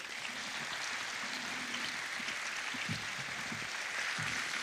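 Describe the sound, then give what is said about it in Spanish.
An audience applauds the technical team and organizers steadily, a dense, continuous wash of clapping that holds at an even level for several seconds with no speech over it. “Otro aplauso para ellos.”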